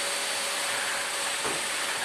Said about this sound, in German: Einfach vorher nochmal schnell durchsaugen.